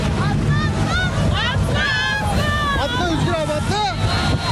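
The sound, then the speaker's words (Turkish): A crowd of tourists shouts and calls out in overlapping, agitated bursts, loud, over a steady rumble of boat engine and churning water, without a break, as they jump from a sinking 110-person tour boat that left Marmaris for Cennet Adası, while another tour boat pulls alongside to evacuate them. “Tatilciler kurtulmak için tur teknesinden böyle atladı.”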